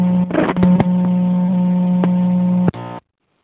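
Tinny, lo-fi music from the speaker of a payphone outside the Memento: a sustained droning tone with a few sharp clicks, playing for under three seconds before cutting off abruptly. No one speaks.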